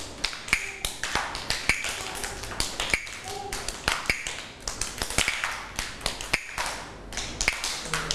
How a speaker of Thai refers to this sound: เด็กๆคะจังหวะนี้คือจังหวะอะไรคะจังหวะช้าเด็กๆก็ต้องเดินหรือว่าเคลื่อนไหวแบบไหนลูกแบบช้าๆถูกต้องเลย